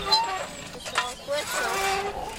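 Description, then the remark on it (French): A tricycle rattles and squeaks in short bursts, with thin high-pitched creaks and clicking mechanical noise, while indistinct voices of people talking and laughing murmur in the background. “Il y a le tricycle, il y a des gens qui parlent, ouais, qui rigolent.”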